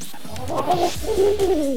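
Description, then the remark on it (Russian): A voice imitates the growling of a stomach that has not eaten for half a day, with two drawn-out, low, wavering gurgles that sound almost like cooing. Fairly loud, with no words spoken. “Живот, который не ел полдня.”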